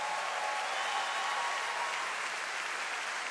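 Sustained applause from a large audience fills a big hall, a dense, steady wash of clapping hands that stays even and loud throughout without any voices breaking through.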